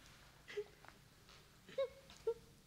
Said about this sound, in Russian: Перепугалась давеча, вот и плачет за печкой.